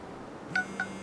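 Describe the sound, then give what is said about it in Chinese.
Two short electronic phone beeps sound in quick succession, clear, over a steady low rumbling hum like a vehicle engine, on a bus, as someone tests whether the phone's location function still works. No one speaks. “试一下手机定位还能不能用。”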